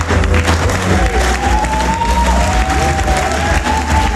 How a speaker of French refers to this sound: Sur fond musical et sous les applaudissements, Olivier Galdi arrive sur scène.